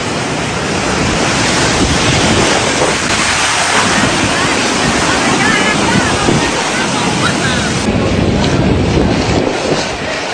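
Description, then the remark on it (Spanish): Loud, continuous roar of ocean waves 2 to 3 metres high crashing on a beach, constant, with a rushing wash and wind blowing across the microphone; the waves reach businesses on the sand at Playa Ventura, Playa Azul, La Bocana and Las Peñitas in Copala and Markelia, Mexico. “con olas de 2 a 3 metros de altura, afectando establecimientos ubicados en la franja de arena”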